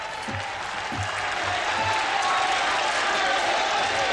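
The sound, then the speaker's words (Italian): Sustained, reverberant applause from a large crowd of Parisians greeting Pope Leo at Notre Dame in Paris, steady and dense throughout, with a few low thumps near the start and faint murmuring voices underneath. “E Papa Leone si prende l'applauso, l'affetto dei parigini che sono giunti lì a Notre Dame, il cuore della cristianità di Parigi.”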